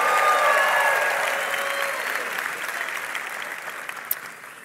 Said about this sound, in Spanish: Vamos, fuerte ese aplauso